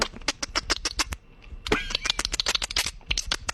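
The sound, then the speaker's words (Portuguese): Someone mimics a dolphin with their mouth, making a fast train of sharp, loud clicks with a brief squeaky whistle in the middle, then another burst of rapid clicking. “Aí, ele tá fazendo o barulho do golfinho com a boca, gente.”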